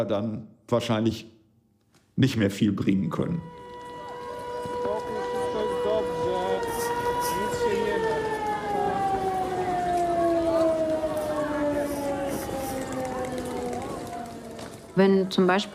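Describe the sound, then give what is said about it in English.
A civil defense air raid siren wails steadily for about ten seconds, its tone holding then slowly sliding downward, with brief bursts of speech before it starts and after it fades. “When the sirens go off, every second and every minute counts.”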